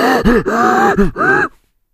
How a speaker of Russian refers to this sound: То есть ровно то же самое, что вы слышите, когда, например, ну, слышно, как дышит летчик в момент тяжелейших перегрузок в воздухе.